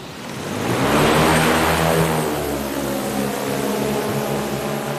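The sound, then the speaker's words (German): A black, knee-high drone with eight propellers and a case attached whirs up to a loud, steady buzz with layered tonal hum on an asphalt lot in Amsteg, Switzerland, swelling quickly in the first second as it lifts off on a test flight, then holding a continuous drone. “Dann beginnt die Drohne zu surren.”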